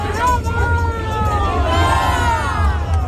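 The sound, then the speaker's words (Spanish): A crowd of people from Coria shouts and cheers "¡Viva Granada!" together as the Sin Pecado de Granada cart arrives. Many voices overlap in loud, drawn-out cries that rise and fall over a steady low rumble for the whole stretch. “Eso gritan los coreanos, ¡viva Granada!”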